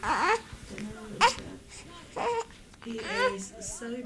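A 10-day-old newborn baby boy, held by his mother in a bedroom of a family home in the historic quarter of Nablus, fusses and cries in short, high, wavering bursts, with brief pauses between them and a low murmur of other sound in the room.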